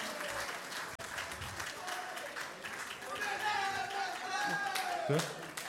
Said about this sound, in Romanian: Încă o dată vă mulțumim, aplauze pentru toți cei care, inclusiv pentru dumneavoastră, cei care acest eveniment